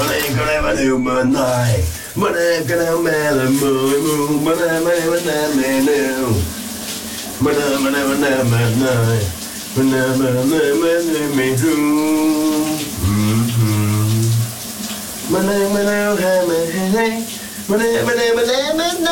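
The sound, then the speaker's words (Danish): A man sings a big Danish hit song loudly and continuously in a shower, with strong melodic phrasing, his voice echoing while steady running water from the shower hisses underneath. “han synger i brusebadet”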